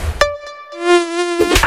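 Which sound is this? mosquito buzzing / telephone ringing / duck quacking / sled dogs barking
mosquito buzzing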